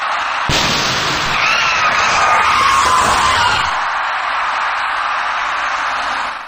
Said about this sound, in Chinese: 那辆行驶在第三条车道中的面包车，左后侧轮胎像是突然出现了爆胎的状况。所幸驾驶该车的司机及时控制住了车身，这才没有造成更为严重的后果。